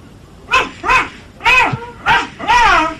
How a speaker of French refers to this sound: Et il y a les deux chiens avec moi, là, qui sont dehors. Tu les fais aboyer un peu pour que j'entende comme ils font?